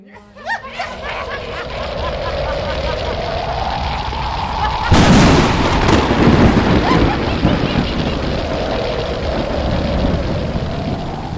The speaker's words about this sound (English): Suddenly, dark clouds appeared over the camp of Guru. There was a loud thunder and crackling lightning as the forces of destruction were sent towards Guru Tegh Bahadur and the Sikhs.